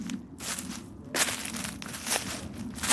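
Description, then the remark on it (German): Footsteps walk through a forest in the Lorzendobel, Canton Zug, crunching and crackling over leaves and twigs in a slow, uneven rhythm, with a steady low rumble beneath and no one talking. “geht voraus durch den Wald im Lorzendobel, bis er vor einer besonderen Gruppe von Bäumen stehen bleibt, vor Traubeneichen.”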